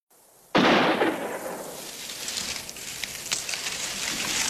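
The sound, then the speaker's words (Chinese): A single loud gunshot cracks out after a moment of quiet and echoes away, followed by a steady noisy rumble with a few fainter shots popping through it; gunfire breaking the calm at Panjinnao. “日子不紧不慢地过着，突然有一天，枪声打破了盘金脑的平静。”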